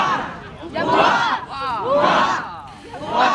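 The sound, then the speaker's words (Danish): A large crowd cheers the royal couple as they walk down to the quay at Odense Harbour, Denmark, during a royal visit: loud, surging waves of cheers and shouts, voices rising and falling in repeated swells of hurrahs over a dense background roar. “For en halv time siden gik kongeparret fra Borre og ned på kajen i Odense Havn til stor hyldest.”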